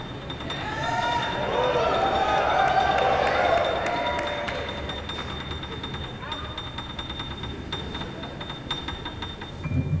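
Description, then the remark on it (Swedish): A large live crowd at a rock concert cheers and whoops during a song, thinking it has ended, swelling loudly in the first few seconds, then settling into a steady roar with scattered claps, heard from within the audience. “när publiken inte riktigt vet hur de ska bete sig. För att de tror att låten är slut.”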